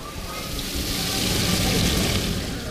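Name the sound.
running water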